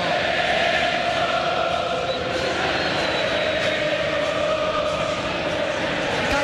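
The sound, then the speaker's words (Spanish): A large stadium crowd at a San Lorenzo football match against Talleres rises, roaring and chanting in unison, a dense, steady wall of voices that stays loud and even throughout, with a sustained sung tone running through it. “Y se levanta la gente, escucha la gente, escucha el cuervo.”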